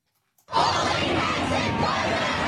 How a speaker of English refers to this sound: Crowds were chanting expletive-laden slogans in Sydney, Melbourne, Hobart, Adelaide and Canberra.